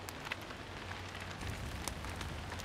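nature, rain falling

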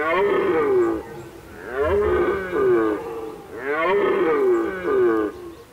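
animal, red deer stags roaring

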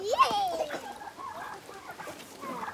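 animal, hens clucking

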